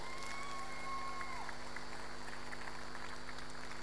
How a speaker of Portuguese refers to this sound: Queria que dessem já uma grande salva de palmas